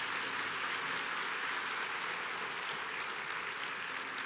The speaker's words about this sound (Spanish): Le podemos dar un aplauso a Dios por todas esas personas que se conectan.